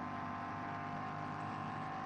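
The engine of the BMW number 23 of Gamotta Racing drones steadily under load as it climbs the hill toward Mudkerf, a sustained buzzy hum with layered harmonics holding at a fairly even pitch, with no voices.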